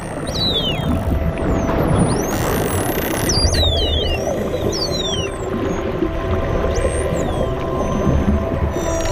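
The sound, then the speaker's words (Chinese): A group of short-finned pilot whales call underwater: a flurry of high, sweeping whistles and squeals rising and falling over one another, set against a steady, rumbling wash of low ocean noise. “这是一群短肢领航鲸。”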